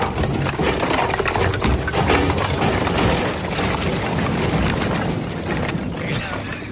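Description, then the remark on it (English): A big load of bone-dry firewood, 19 scoops, tumbles out of a truck at a venue in a long, continuous clattering rumble, logs knocking and cracking against each other for several seconds before it tapers off. “I think the wood's about to be dumped at the venue out of the Adams truck.”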